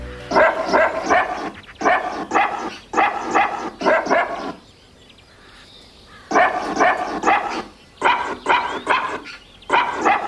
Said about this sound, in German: gebellt von Hund